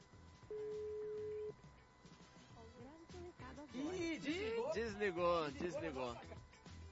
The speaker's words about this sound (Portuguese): Produção, pode ligar para o primeiro ouvinte. Vamos ver o que ele vai responder. Não tá chamando? Tá chamando aqui, ó. Opa, tá chamando.